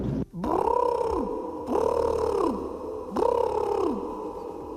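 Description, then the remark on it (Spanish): A peacock calls three times in a steady series, each loud, nasal wail about a second long, rising and then sliding down in pitch, with short gaps between. No one speaks. “Y el sonido podría ser un pavo real.”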